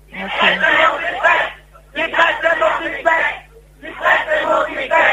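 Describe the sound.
A crowd of protesters shouts in unison, three loud chanted bursts with brief pauses between them, the massed voices rising and falling in a steady rhythm.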